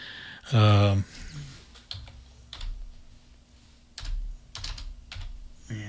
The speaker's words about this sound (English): Busily typing in 1968 on the computer, so it'll be there.